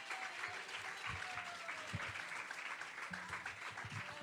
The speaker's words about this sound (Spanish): Dele palmas de alabanza, amados hermanos. Gloria a Dios. Gloria a Dios. Dele más palmas de alabanza, Dios es grande.